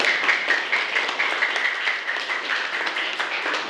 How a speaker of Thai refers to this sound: ปรบมือให้กับเพื่อนๆตัวแทนด้วยค่ะ